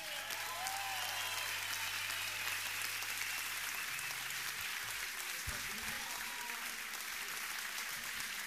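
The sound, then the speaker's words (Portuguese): A sustained round of applause for Mr. Carlos Tavares at Sesimbra FM: dense and steady clapping at an even loudness for the whole stretch, with a faint murmur of crowd beneath it and no clear speech. “Uma grande salva de palmas para o Sr. Carlos Tavares.”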